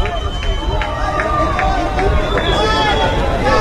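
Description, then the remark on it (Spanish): A large crowd at the municipal stadium roars and shouts in a continuous, dense wall of noise right after a 0-0 match ends, with overlapping voices and brief rhythmic bursts of cheering rising above a steady rumble. “Lo que pasa es que, a ver, la gente gritó inmediatamente a ver terminó el partido.”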